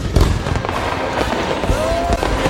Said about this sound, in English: Are you ready for big booms and bright bursts? Get the best deals on rockets, candles, mortars, and more.